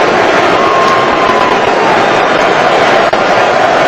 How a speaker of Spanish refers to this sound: Se va a Bellingham de la cancha, la figura de Inglaterra. Así despide Miami a Jude Bellingham. Con esta ovación.